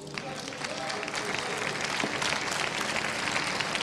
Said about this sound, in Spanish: Pueden sentarse y déjenme escuchar otro aplauso a su Dios.